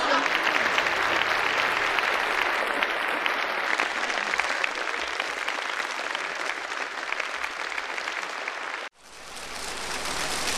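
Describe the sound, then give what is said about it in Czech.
An audience of visitors applauds steadily for about nine seconds, a dense, even clatter of many hands. It cuts off abruptly, then quickly starts up again. “Vážení a milí návštěvníci, nezlobte se na mě, ale... Tleskáte prabídně.”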